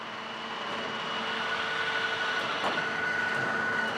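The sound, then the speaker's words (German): An underground bench drilling rig (Strossenbohrwagen) bores 21-metre-deep holes for the next blast, 1,260 metres below ground at 45 °C, heard as a loud, steady mechanical roar with sustained whining tones layered over it. The noise holds unbroken throughout, with no voices. “Mit dem Strossenbohrwagen werden heute die Löcher für die nächste Sprengung gebohrt.”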